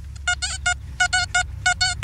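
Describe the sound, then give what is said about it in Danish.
A metal detector sounds over a gold coin that had been handed in: a burst of short, buzzy mid-pitched bleeps repeating in quick clusters of three, with a low steady rumble underneath and no talking. “Skal vi høre, hvordan noget guld faktisk lyder? Nu prøver vi lige at tage metaldetektoren over den.”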